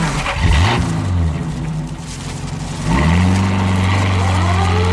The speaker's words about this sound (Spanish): Las dos patrullas cruzan la reja central, internándose por un gran patio de forma rectangular.